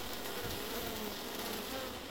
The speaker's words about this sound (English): All right, for a moment there, I thought there was a bee in the headphones. Sorry, my apologies. I didn't realise there was a bee on the track. Or a fly, probably a fly on the track.